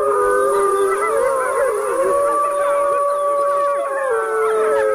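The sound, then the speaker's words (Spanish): A wolf howls in long, steady, wavering tones, with other howling voices of its pack overlapping in a dense chorus throughout. It is loud, and nobody speaks. “Mira, el lobo manda callar.”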